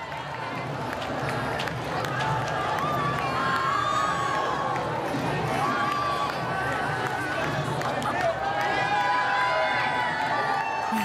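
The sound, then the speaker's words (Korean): A big crowd of young Buddhists, teenagers and young adults, shouting and cheering together, loud and unbroken throughout, many raised voices overlapping into a steady roar with no single speaker standing out. “현장의 에너지가 왜 이렇게 넘치나 했더니 우리 청소년 불자들 또 청년 불자들의 에너지가 여기까지 전해지네요. 네, 목소리가 그대로 다 들리는 것 같습니다.”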